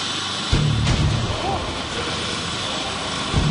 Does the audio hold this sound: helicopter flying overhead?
yes